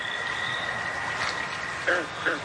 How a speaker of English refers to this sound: Then, finally one night, the good old American toad. All right, it is the most common species around, but at least it's a start.